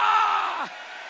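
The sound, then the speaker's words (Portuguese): A church audience raises their hands and shouts "glória" together in a dense, loud burst of many overlapping voices that drops away after about half a second, leaving one voice sliding downward in pitch and a softer lingering murmur. “Levanta a mão e grita glória!”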